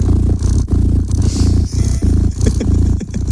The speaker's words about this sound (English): The unending sounds of cats purring. I can see how this would work. Yeah. There is something very soothing about the sound of a purring cat.